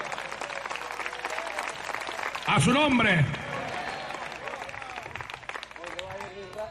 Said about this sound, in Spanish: Denle un aplauso fuerte al Señor en esta hora.